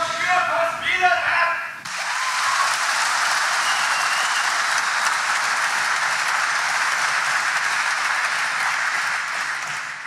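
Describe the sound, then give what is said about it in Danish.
A brief voice opens, then the audience in a hall at a public meeting about nitrogen emissions, attended by a government minister, breaks into sustained, dense, loud applause and cheering after a spectator questions where the nitrogen emissions come from. “Det gik da også meget godt, lige indtil en tilskuer betvivlede, hvor kvælstofudledningen overhovedet kommer fra, til stor jubel for de andre.”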